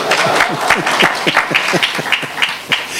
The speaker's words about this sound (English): Clap, man, you must give me a clap.